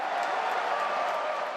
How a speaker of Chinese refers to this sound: 世界杯期间，香港多间商场举行多彩的看球活动，让市民与球迷共享这场夏日体育盛事所带来的运动快乐。 球迷的欢呼声，